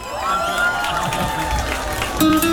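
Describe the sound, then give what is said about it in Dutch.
A crowd at a show in Emmen claps and cheers loudly and steadily for a performer, with excited shouts and high voices rising over a dense wash of applause that carries on without a break. “Geef hem een geweldig applaus.”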